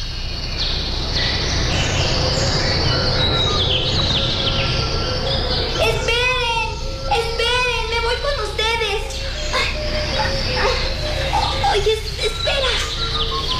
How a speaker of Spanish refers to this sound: Es maravilloso el vuelo de estos pájaros azules. Si yo fuera pájaro, me iría con ellos. ¡Ya están cerca!